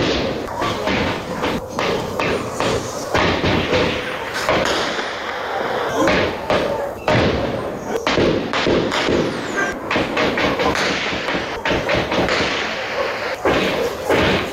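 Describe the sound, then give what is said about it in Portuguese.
A rapid, irregular series of sharp cracks and thuds, gunshots from an armed confrontation between criminals near the Pedra area, echoing from a distance across Grande Tijuca, repeating almost continuously over a noisy outdoor background. “Nós temos um registro destes disparos, vamos ouvir.”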